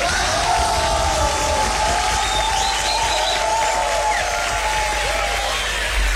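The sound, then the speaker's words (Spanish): A crowd applauds and cheers steadily for about six seconds, dense clapping under shouts and a few high whoops rising above the roar, loud and continuous throughout. “Nos vamos a dar un aplauso, nos vamos a alegrar un poco.”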